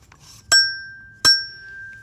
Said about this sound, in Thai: จากนั้นพี่กระดิ่งส่งเสียงหน่อย